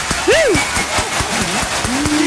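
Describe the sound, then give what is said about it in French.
A few scattered, irregular hand claps for a mother's 35th birthday ring out while voices call and sing in rising and falling tones over them. “Prépare-toi, on va applaudir pour maman parce qu'elle fête ses 35 ans aujourd'hui.”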